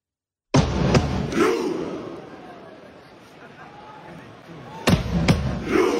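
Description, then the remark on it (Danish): A stadium crowd shouts "ro" in unison between heavy drumbeats from a fan leader drumming as Norway warms up, with sharp booming hits at the start and again near the end and a sustained roar of many voices in between. “Fanføren, der står og trummer, og så råber de alle sammen ro, og så laver de en robevægelse med hænderne, så vi har fuld knald på langbåden ud af fjorden, ikke?”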